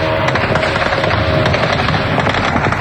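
Dense, continuous rattling bursts of heavy anti-aircraft gunfire at night in Moscow, firing at drones over residential districts, fill the whole stretch, loud sharp cracks overlapping with a low rumbling roar, with no voices heard.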